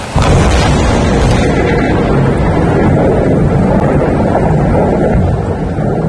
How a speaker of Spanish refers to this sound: Como si fuera una coreografía de la naturaleza, las tormentas han dejado en las últimas horas esa furia particular que tienen contra el fuego de las peñas de Riglos.